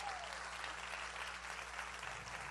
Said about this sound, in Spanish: Sí, ese es el aplauso.